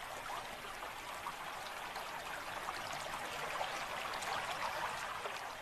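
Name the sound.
flowing river water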